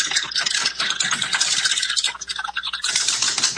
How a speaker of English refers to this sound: are you ready to spin that wheel? I am. All right, spin it.